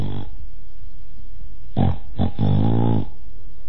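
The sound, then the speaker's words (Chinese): A voice imitates the snoring of Kou Zhun, lying back down with eyes wide open: a short snort, then after a pause a few rasping, low-pitched grunts ending in one longer drawn-out snore, fairly loud against quiet background. “寇准赶忙又躺下了，瞪着眼打呼噜。”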